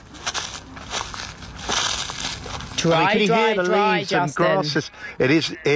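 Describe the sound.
Footsteps crunch over dry, parched, unwatered ground out in nature during an extraordinarily dry, hot year, a run of crackly, gritty steps for a few seconds before a man starts talking and the crunching fades under his voice.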